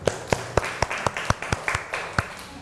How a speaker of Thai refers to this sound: ปรบมือเพิ่มอีกครั้งหนึ่งครับ